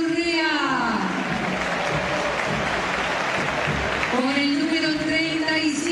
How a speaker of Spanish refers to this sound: Con el número 24, Juan Cruz Mesa. Más aplausos aquí, ¿no?